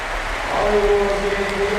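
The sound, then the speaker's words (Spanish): The crowd at Poljud stadium in Split rises in an ovation as Luka Modric is substituted off: a dense, steady roar of applause and cheering that swells slightly midway, with a sustained voice-like tone rising above the wash. “Vamos a escuchar la ovación del Poljud.”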